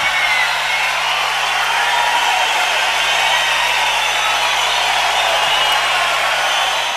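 A large concert crowd applauds in a dense, steady roar of overlapping claps that holds at a loud, even level throughout, with no voices standing out.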